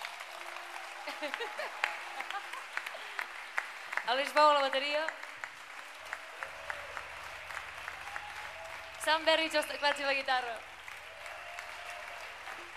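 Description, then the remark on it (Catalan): Steady applause and cheering from a live concert audience in Mallorca continues throughout, while a man on stage speaks over it through an amplified microphone in short phrases, thanking the audience and calling for applause for the musicians on stage, and a low electrical hum comes in partway through. “Un aplaudiment per als que estem aquí dalt”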